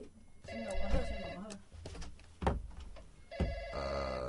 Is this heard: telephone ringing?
yes